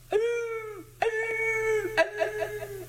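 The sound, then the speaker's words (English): A voice imitates the long-toned bawl of Blue Jay, a hound that has smelled a trail on a coon chase: three drawn-out, howling notes, the first sliding down into a short tail, the last breaking into a few wavering pulses. “Just that minute, it seemed like old Blue Jay also had smelled trail because he opened up with his different pitched long-toned ball. It was very long and had a little tail on it at the end, and it sounded like...”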